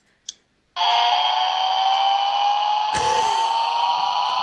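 A toy aeroplane starts with a small click, then a loud, steady electronic engine whoosh with a slowly rising whine, broken by a brief burst partway through. No talking.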